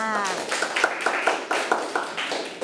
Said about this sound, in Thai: เด็กๆปรบมือให้เพื่อนทั้งสองคนด้วยค่ะ